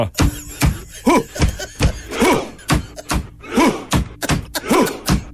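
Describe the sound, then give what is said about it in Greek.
A Viking-style war chant performed with a rowing motion, also done in the stadium: heavy, evenly spaced drum thumps keep a slow beat while a crowd lets out four loud, deep unison shouts, each landing on the rhythm between the hits. “Χτυπάνε με ένα τύμπανο, παπ, κάνουν ουφ, τι κάνουν, ουφ.”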